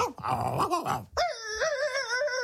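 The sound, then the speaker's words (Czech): A small dog growls roughly for about a second, then breaks into a sustained, high, steady whine, fairly loud, with no one talking. “Však on mi rozumí, náš pejsáneček.”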